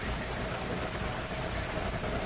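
A car engine rumbles steadily as a car pulls up to a mailbox, a low, even drone with a broad hiss over it that holds a constant loudness throughout, with no voices.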